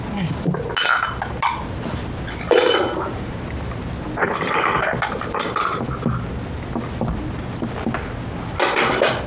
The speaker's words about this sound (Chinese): 哎， 可不敢，今天轮到我洗碗，哪能让你帮我呀？